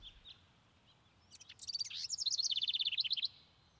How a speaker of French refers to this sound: Il y a un moment que je déteste, c'est quand les oiseaux commencent à chanter, tout ça. Parce qu'ils font un potin monstrueux, quoi.